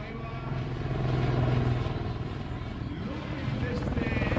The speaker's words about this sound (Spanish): Ahí vemos el looping. Bueno, espectacular. Espectacular que un helicóptero haga esto. Sí, es que parece que va contra... Es antinatural, ¿no?